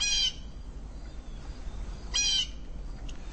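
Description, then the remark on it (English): Recorded orca calls, made by Paul Spong of whales off the coast of Vancouver from the 1980s: two short, high, squealing cries about two seconds apart, with a faint brief chirp at the end, over a steady low rumbling background hiss. “And I've been reading up a little bit on Paul Spong, who did those whale recordings, those orcas.”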